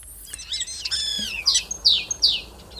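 A starling sings alone, clear, weaving varied whistles and warbling phrases that imitate other animals, including greenshank, crane, fox, common snipe, magpie and yellowhammer, ending in three quick, bright, downward-swept calls.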